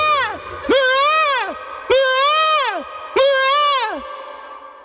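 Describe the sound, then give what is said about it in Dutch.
A peacock calls loudly, three full wailing, rising-then-falling cries in steady succession after the tail end of an earlier one, with no talking. “je mag de pauw niet vergeten.”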